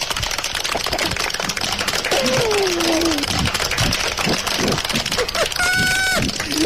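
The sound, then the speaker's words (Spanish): Children clap steadily for drivers who respect traffic signals, in a dense, soft patter of quick, overlapping claps that runs the whole time, with a couple of brief high-pitched voices calling out over it. “Nuestros aplausos suenan un poquito así medio, un poquito bajito, ¿no?”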